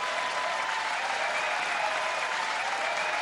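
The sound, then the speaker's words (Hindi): Steady, dense applause from a crowd, a continuous wash of many hands clapping at an even level for a few seconds, with no voices over it, applauding a correct answer in a quiz. “शाबाश, तालियां बज गई जी, तालियां बज गई।”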